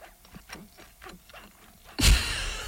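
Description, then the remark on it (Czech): Halloumi cheese squeaking against teeth while chewing: a quick series of faint, rhythmic squeaks and rubbing clicks, then a sudden loud burst of harsh, hissy noise. “Je to vrzání o zuby, já si to spouším na chvilku, protože to je tohle přesně.”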